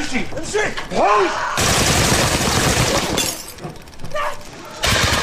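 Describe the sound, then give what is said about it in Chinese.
Loud, dense bursts of gunfire from a commando raid on a militant stronghold in a four-story apartment building erupt after brief shouting, a long rattling volley lasting over a second, then a lull with voices before another burst starts abruptly at the end. “听到枪声的武装分子迅速赶来增援，但已经来不及了，突击队边打边走，有序地撤离。”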